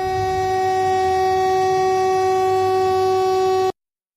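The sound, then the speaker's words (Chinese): A train approaching a person walking along the railway line sounds a loud, sustained horn blast over a low rumbling of the rails as the driver brakes in an emergency, holding one steady tone for several seconds before cutting off abruptly into silence. No one speaks. “画面显示有人沿铁路线行走，所幸司机反应及时，在列车即将靠近该人员时采取紧急制动，最终没有酿成事故。”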